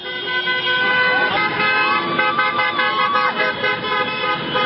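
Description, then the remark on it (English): A dense, overlapping chorus of car horns honks loudly and almost without pause on the Champs-Élysées in Paris, as French fans celebrate France's quarterfinal win over Morocco with cars going up and down, with traffic noise and indistinct crowd voices mixed underneath. “French fans in Paris took to the streets to celebrate.”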